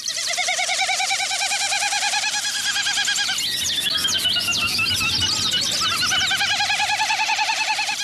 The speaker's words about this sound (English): And a Wilson snipe.